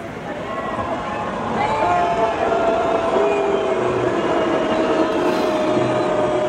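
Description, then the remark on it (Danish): A large concert audience roars in a dense, continuous wash of voices that swells after the first couple of seconds, with long sustained tones like whistling or chanting riding on top, reacting as a text criticizing the Danish government over selling F-35 parts to Israel runs on the big screen. “Ja, det vi hører her, det er lyden fra publikum, da der på storskærmen kørte en tekst”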